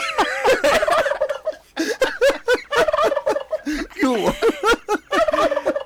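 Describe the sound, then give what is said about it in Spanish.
A turkey gobbles loudly, letting out several rapid, warbling bursts in quick succession with short pauses between them, and no one speaking. “Mira qué bueno, ya te tengo el guajolote.”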